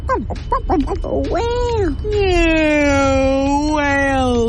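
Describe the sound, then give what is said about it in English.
A voice imitates whale calls: a burst of quick squeaky chirps and swoops, then a long, loud moaning tone that slowly slides downward and wavers slightly near the end. “Whale. Yeah, whale sounds.”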